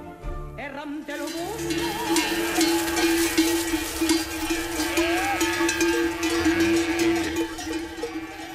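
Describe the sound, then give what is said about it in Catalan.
Many sheep bells clank and jangle together in a dense, irregular jumble of metallic tones, fairly loud and continuous after a quieter first second, with a low steady hum running underneath. “Esquelles. Això, Esquelles d'Obeas.”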